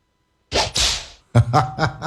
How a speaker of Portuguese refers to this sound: Ó, barulho do chicote aqui. Vai de novo.